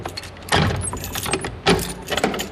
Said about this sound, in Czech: Poté, co mi odemkne dveře.